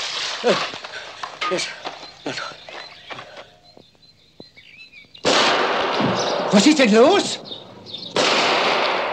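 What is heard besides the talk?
gunshots fired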